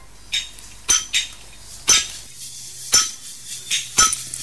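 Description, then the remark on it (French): Women break rock by hand with hammers at a stone-breaking site under a blazing sun, without gloves or helmets: about nine sharp, ringing clinks at an uneven pace, some louder than others, over a faint low hum. No one speaks. “Sous un soleil de plomb, sans gants, sans casque, sans la moindre protection, les coups de marteau s'enchaînent, les éclairs de pierre volent, la poussière se mêle à la sueur qui ruisselle sur les visages.”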